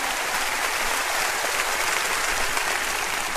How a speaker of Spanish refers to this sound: Quiero escuchar un fuerte aplauso. A ti, Señor, esta tarde, a ti, Señor, la gloria.